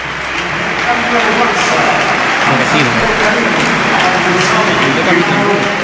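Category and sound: crowd, stadium crowd ovation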